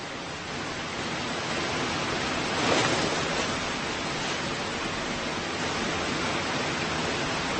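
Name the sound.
rushing waterfall water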